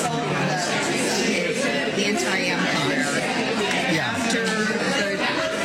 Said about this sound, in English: So much crowd noise, it's hard to pick it out. Is that after coffee and donuts with the preacher after church?